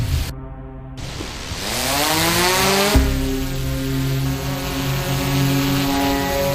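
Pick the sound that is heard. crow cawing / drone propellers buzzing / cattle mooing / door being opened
drone propellers buzzing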